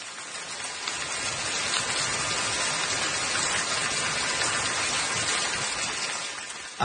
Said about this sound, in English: I know what the sound is or what it's supposed to be, but it does sound like I'm in the shower right now. If you have one of those fancy shower, rain shower.